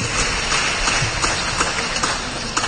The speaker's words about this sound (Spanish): un fuerte aplauso